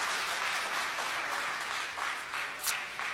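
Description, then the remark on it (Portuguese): A church audience claps together in sustained, joyful applause for Jesus, a dense, steady patter of many hands with no voices over it. “Tomai assento em nome de Jesus e pode aplaudir a Jesus com as palmas bem alegre, que glorifica e exalta o seu nome.”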